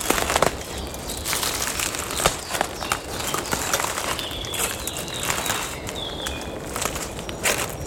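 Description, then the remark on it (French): Footsteps crunch and crackle over dry twigs and brittle branches in conifer undergrowth at a steady walking pace, with faint birdsong in the background and no talking. “Une multitude de brindilles. De branches desséchées. Sous mes pieds.”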